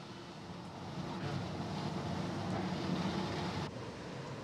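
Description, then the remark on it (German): A historic streetcar, car number 8 from a museum collection in California, rumbles along steadily on its tracks on a sunny Saturday afternoon, a dense, noisy roar, shifting abruptly near the end as it arrives at its stop on First Street. “Der Wagen Nummer 8 ist inzwischen auf der ersten Straße angekommen. Und damit ist er am Ziel seiner Fahrt.”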